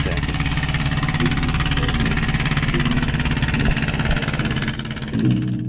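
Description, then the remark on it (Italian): A boat engine runs steadily, a loud, continuous throbbing rumble with a slight dip near the end before picking back up. “Questa è quella barca lì.”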